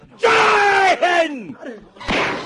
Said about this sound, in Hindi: पटाखा फूटा क्या? अरे ये क्या हुआ? ये बंदूक की गोली है।